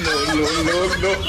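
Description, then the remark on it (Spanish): A rooster clucks in a steady run of nasal, warbling calls lasting just over a second, fairly loud. “Y Bueno, mal, no que se ha ido el gallo. ¡Ay, sí, ese gallo!”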